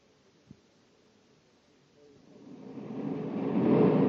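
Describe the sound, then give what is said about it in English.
Corey's spaceship coming in to land at a shack among trees: a low, rushing roar swells steadily from near silence, growing louder over the last couple of seconds, after a single faint click. “Corey's landing right where I figured he would.”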